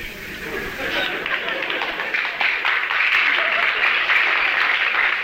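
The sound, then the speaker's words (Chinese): Audience applause from only a few people, the southerners in the audience: a steady, fairly light patter of clapping that holds an even level for about five seconds, with a faint murmur of voices underneath. “那这鼓掌的人不多呀、啊，鼓掌的人都是南方人啊，北方人他还是没听懂。”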